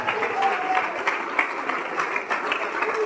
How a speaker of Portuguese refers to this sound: E olha quanta gente, olha que maravilha. Vamos aplaudir o Senhor Jesus. E tem mais gente chegando, vamos aplaudir mais ainda.